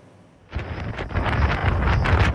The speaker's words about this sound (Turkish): Hindistan'da kum fırtınası hayatı felç etti. Rajasthan eyaletinde görüş mesafesi sıfıra düştü. Kum fırtınaları devam edecek.